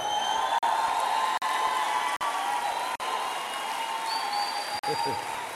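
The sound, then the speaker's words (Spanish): An audience shouts and cheers in a dense, continuous roar of many voices, with a few higher whoops rising above it. The sound holds steady and loud, broken only by brief dropouts. “Ok, gracias por gritar.”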